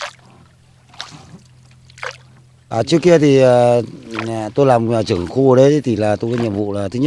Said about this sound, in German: Und auch wir ruderten so zu einer Insel. Sie hören es ja schon, das Rudern des Bootes in die Halongbucht.